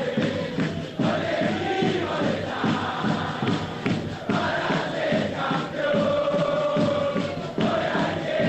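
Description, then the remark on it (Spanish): A large crowd of Belgrano football fans cheers and chants continuously outside the team bus at the Hotel del Pirata, a loud, dense roar of many voices with rhythmic shouted chanting and occasional thuds, steady throughout. “Ponelo en marcha, nos quedamos ahí escuchando a los hinchas de Belgrano en el Hotel del Pirata.”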